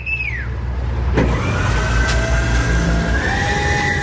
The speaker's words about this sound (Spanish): A las 7 de la mañana salen entre 4 y 5 camiones que, como este que estamos escuchando, bombean agua a tanques comunitarios ubicados a bordo de carretera.